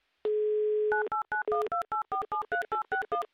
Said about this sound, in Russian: Набрали номер телефона. Песочные часы мы начал переворачивать. Ждем, когда будут гудки, и, соответственно, начнем переворачивать песочные часы. Оп, пошло.